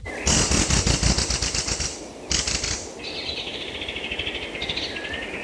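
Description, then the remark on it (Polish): Rapid wing flapping comes in two loud bursts, followed by a thin, high bird whistle that continues steadily over quieter rustling, captured on a wildlife monitoring recording in Tatra National Park, Poland. No one speaks. “Na nagraniach słychać głównie ptaki, ale nagrał się też ryś.”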